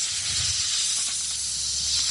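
A snake hisses in one long, steady, breathy exhalation lasting about two seconds. It's loud, with no talking over it.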